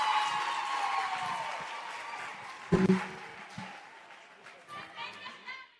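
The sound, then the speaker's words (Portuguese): An audience at a Children's Parliament session applauds Ivete Alane, Minister of Labour, Gender and Social Action, in a steady, dense wash of clapping, with voices and a brief cheer rising through it before the clapping gradually thins out. “Uma forte salva de palmas à nossa mãe, Ivete Alane, Ministra do Trabalho, Gênero e Ação Social.”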